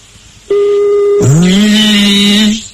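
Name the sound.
telephone number being dialed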